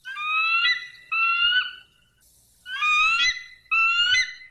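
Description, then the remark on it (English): An eagle screech sound effect: four loud, shrill, harmonic cries in two pairs, each call drawn out with a slight downward bend, with no voices. “Let's play the Eagle.”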